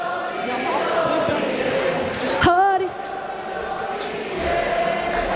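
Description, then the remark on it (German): Audience applause and cheering at a stage show roll on steadily throughout, dense and fairly loud, with a short warbling whistle cutting through around the middle and a slight swell near the end. “Und Applaus, meine Damen und Herren, ihr seid der Meinung, das war die schönste,”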